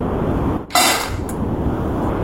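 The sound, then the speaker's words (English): A quick, bright rattle of dry dog kibble, one short clattering burst followed by a smaller click, against a steady low background hiss. “It sounds like dog food.”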